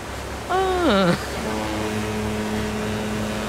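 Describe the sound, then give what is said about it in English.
On the open sea aboard an ocean liner: a brief tone slides downward in pitch, then a steady low droning hum settles in over a constant rushing wash of wind and water. “Now we all know where we are. We're on open sea. On a sea liner.”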